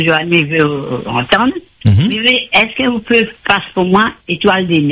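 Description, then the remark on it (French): A narrow, tinny telephone line carries a voice, with a radio broadcast playing in the background and blending into the steady talk throughout. “Oui, bonjour, coupe la radio.”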